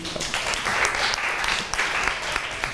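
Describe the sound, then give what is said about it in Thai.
A room full of students in a classroom applauds group 5 together, dense, steady clapping filling the space for a few seconds at moderate loudness, with no one speaking over it. “ปรบมือให้กลุ่มที่5หน่อยค่ะ”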